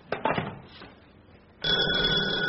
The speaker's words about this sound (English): Darling, that was the front doorbell.